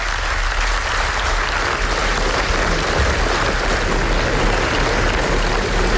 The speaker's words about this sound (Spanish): Y así hasta 25 minutos de aplausos en el Festival de Venecia para el documental Nazca sobre el genocidio en Gaza, que ganó el premio especial del jurado en el Festival Italiano.